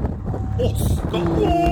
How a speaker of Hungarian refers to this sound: Ott, majd hallasz egy hangot, figyelj. Ez a szél.